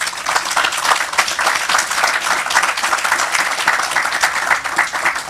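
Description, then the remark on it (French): An audience applauds author Yazid Manou at a talk, dense overlapping claps at a constant, fairly loud level for several seconds without pause. “Vous pouvez applaudir monsieur Yazid Manou.”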